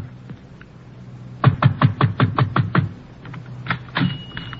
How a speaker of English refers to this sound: Number 603 Via Maggiore is a small tobacco shop at the end of a narrow, crooked street near the waterfront. The shades are drawn and the shop is dark, but I pound on the door.